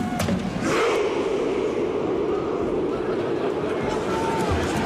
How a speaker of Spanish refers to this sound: sino una coreografía que evoca su pasado vikingo, en el que, para que os hagáis una idea, pues los jugadores en el césped y los fans, el público en las tribunas, en las sillas, se ponen como si estuvieran remando y hacen este grito.